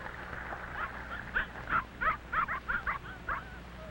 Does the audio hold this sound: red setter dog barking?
yes